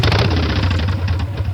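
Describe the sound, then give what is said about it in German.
A motorcycle engine at the Charity Bike Fest in Lassee, where 250 motorcycles gather, rumbles loudly and steadily at idle, with a deep throbbing low tone and a rough, buzzing texture that holds throughout. “250 Motorräder kommen nach Lassee zum Charity Bike Fest.”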